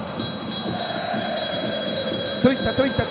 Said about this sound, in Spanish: Pero antes, tócame la campana, sacristán.